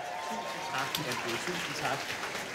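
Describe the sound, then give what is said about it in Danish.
Steady, dense applause from an audience welcoming a guest from the radio channel P2 onto the stage, a continuous crackle of many hands clapping, with faint voices mingling underneath. “Giv ham en hånd.”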